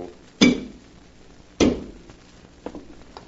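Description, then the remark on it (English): Two sharp clinks of china ring out about a second apart, each with a short fading ring, followed by a few fainter taps and clicks, with no voices, as Alpha serves coffee, pouring a cup at a table. “Put it on this table here and pour a cup for Dr. Dale.”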